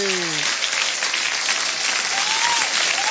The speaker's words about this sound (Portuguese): Agora os aplausos para os aniversariantes.